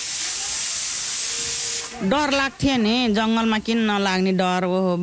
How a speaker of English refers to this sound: cutting potatoes for dinner while a pressure cooker whistles.